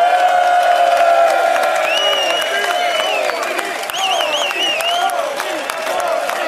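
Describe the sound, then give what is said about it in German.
A loud, sustained wash of show audience applause and cheering for Kieran Kaiser, with dense clapping throughout and high whoops and shouts rising above it, steady for the whole stretch. “Einen riesen Applaus für Kieran.”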